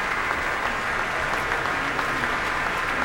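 Steady, dense applause from a large outdoor crowd at the Pritzker Pavilion as a violin soloist returns to the stage for a solo bow, a continuous wash of clapping that holds at an even level throughout, with no voices standing out.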